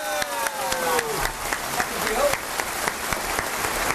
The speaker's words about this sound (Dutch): Even blijven klappen. Even blijven klappen, want ik moet die microfoon nog inschakelen.